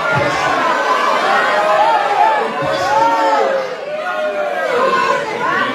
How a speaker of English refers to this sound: Some in the crowd yelled at Adams to put the data center in his backyard, not theirs.